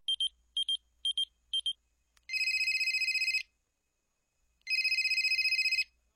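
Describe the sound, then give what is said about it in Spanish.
A telephone rings with no answer: four short high electronic beeps, then two longer trilling rings separated by a pause of silence. No one speaks. It is a call that has gone unanswered about three times. “Oye, van como tres veces que te marco al viper y no contestas.”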